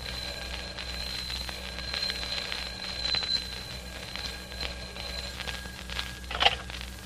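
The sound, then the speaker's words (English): A telephone rings steadily and shrilly in a darkened apartment in London, a continuous high-pitched electric ringing held at an even level for several seconds over a low hum, with no one speaking. “It begins in London with a telephone ringing in a darkened apartment.”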